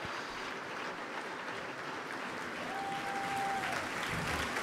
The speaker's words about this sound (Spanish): Un aplauso apretado para todos los que han tenido la oportunidad de llevar adelante este concierto. Desde el director invitado Carlos Praceres, Lucrecia Basaldúa en violonchelo solista y Luis Jure, el autor de la obra estrenada esta noche aquí.